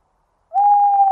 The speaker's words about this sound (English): Deep in the wood, I heard a bird. Tu-wit, tu-woo. I said to the woodland bird I heard, and who are you? I am an owl, a woodland owl. How do you do, tu-woo? Tu-wit, tu-woo.